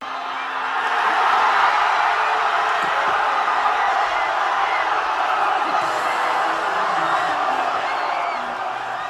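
A large crowd in the streets of Madrid, Spain, roars and cheers after a football win, a dense wall of shouting and whooping voices that stays loud and steady throughout, with scattered yells rising above the din.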